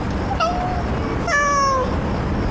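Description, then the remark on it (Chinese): A cat meows twice, a short call followed by a longer, drawn-out one, clear over a steady low background rumble, with no talking. “我说那只猫”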